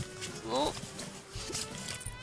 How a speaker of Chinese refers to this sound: 喂！你做咩啊？喂，哎呀，我最怕女人咧喺我面前系咁时时索索嘅啦。你咩事啊？ 呢度咧冷气大啊，我鼻敏感啊。